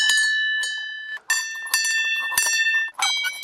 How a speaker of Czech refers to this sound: Na dohled od krásné vyhlídky je řada zvoniček. Každá je jiná. To má představovat zvuk a hudbu, což je zastavení věnované Karlu Horkému, rodákovi ze Štěměch, který byl významným skladatelem.